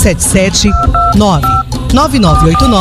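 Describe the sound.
A few short telephone keypad dialing tones beep in quick succession, steady electronic dual-pitch presses heard beneath a person talking continuously over them.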